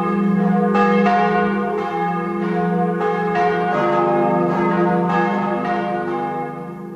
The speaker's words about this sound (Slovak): Preto nám na Slovensku chýbajú nie desiatky, ale stovky zvonov. Ozvučenie Slovenska hlaholom zvonov ešte akú takú chvíľu potrvá a je to skôr proces ako kampaň.